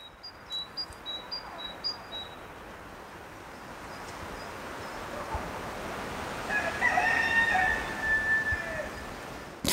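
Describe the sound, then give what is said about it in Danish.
A rooster gives one long, loud crow near the end over a steady outdoor woodland hush, with small birds chirping briefly at the start; it is the nature school's own rooster, Herr Hane, who lives in the forest with his six hens and is marking his territory. “Er der høns ude i skoven, …? Ja, det er naturskolens egne høns.”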